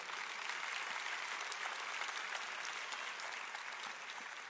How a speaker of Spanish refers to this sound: ¿Lo crees? Puedes dar un aplauso si es así.